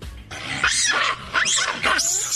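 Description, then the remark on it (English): Three loud, shrill calls from macaque monkeys, the kind causing a monkey problem at a stadium in India, in quick succession, each a rising-and-falling screech with a harsh, grating edge, with no voices present. “So that is the monkey that they're having issues with.”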